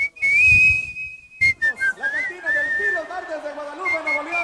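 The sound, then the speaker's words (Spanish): A person whistles a lilting norteño song melody, clear, the shrill tune gliding up and down through several phrases with brief pauses, over faint low background sounds. “Y yo la investigué porque ella siempre la chiflaba nomás.”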